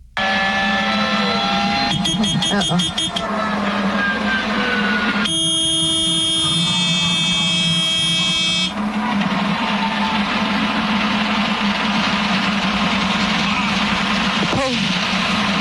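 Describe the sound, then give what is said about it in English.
A loud, strained helicopter engine drones and fails as the helicopter goes down, while cockpit alarms blare: a rapid pulsing beep early on, then a steady high multi-tone warning tone for several seconds, with muffled voices underneath. Heard on the live feed of a crew covering an accident on the ground. “Absolutely heartbreaking because you hear the engine failing in the background. You hear the alarms going off.”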